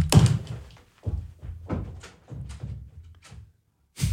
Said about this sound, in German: hat die Kopfhörer weggeschmissen, aus dem Studio rausgelaufen und hat die Tür zugeschmissen.